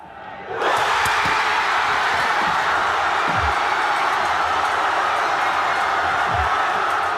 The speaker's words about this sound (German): Viel Jubel und ein Haufen Freudenschrei. Historisch legendarisch der Sieg von der Schweizer Nazi gegen Kolumbien. Das erste Mal seit 1954 steht die Schweiz im Viertelfinal von einer WM.